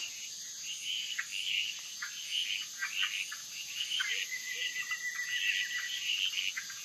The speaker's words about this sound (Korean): 하지만 어둠이 내리면 개구리들의 시간입니다.